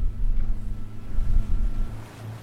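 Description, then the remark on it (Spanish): A boat engine drones steadily, a low rumbling hum with wind buffeting the microphone and water rushing alongside, as the boat travels about 5 or 6 minutes to a salmon farm roughly 1,200 metres off the beach. No one speaks. “En el barco nos acompaña”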